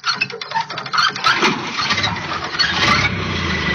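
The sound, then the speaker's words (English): An old car engine is hand-cranked and sputters unevenly, then catches and settles into a loud, steady, rattling rumble with no voices. “I'll crank it for you, but you'll have to drive it.”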